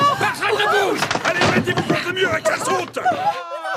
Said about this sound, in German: Hörst du, wie sie die Tür aufbrechen? Die Polizisten? Unser Versteck überfallen?